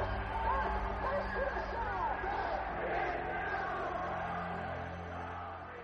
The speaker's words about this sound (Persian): در حالی که شاه دوران بهبودی رو پشت سر میذاره، تنها صدایی که در اتاقش میپیچه فریاد دانشجوهاییه که براش آرزوی مرگ میکنن.